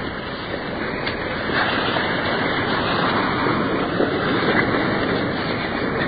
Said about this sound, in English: Coming up to the first waterfall. Pouring into a deep pool.